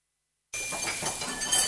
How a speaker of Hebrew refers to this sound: טבעת נפלה.